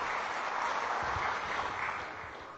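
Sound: audience clapping hands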